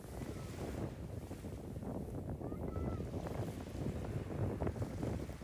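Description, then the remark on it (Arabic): Strong wind buffets the microphone over the steady roar of crashing sea waves, a dense, continuous low rumble with no one speaking. “ودعت الوزارة إلى إيقاف عمليات الصيد والإبحار خلال هذه الفترة والامتناع عن السباحة، إضافة إلى عدم المجازفة والاقتراب من البحر في أثناء اشتداد الرياح وارتفاع الأمواج بهدف التصوير.”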